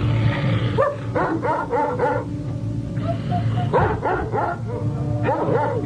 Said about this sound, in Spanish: Cuando regresó a la entrada, sus perros lo estaban esperando pacientemente. Apenas lo sintieron, se levantaron y empezaron a ladrar.